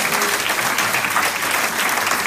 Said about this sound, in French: que tous ceux, pas juste qui veulent ça, mais qui vont persévérer comme Abraham, qu'ils vont persévérer jusqu'à l'obtention de la promesse, disent Amen et applaudissent bien fort le roi de l'homme.